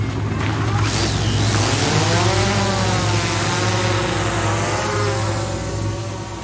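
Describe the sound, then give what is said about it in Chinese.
A research team's drone, used to observe whales, has its motors spin up, a buzzing whine climbing steadily in pitch over a constant low engine rumble, staying loud and even throughout with no voices. “现在研究团队配备了无人机。”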